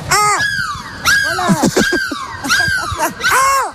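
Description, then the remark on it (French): People on the Énergie radio show 'Le bus' squawk and shriek in imitation of seagull cries to say goodbye, a series of loud, wavering high-pitched calls repeated several times in quick bursts. “On se dit au revoir. On crie de la mouette.”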